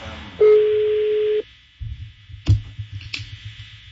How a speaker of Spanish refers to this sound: Mira, ahí está sonando el teléfono. Ahí está. No contestó.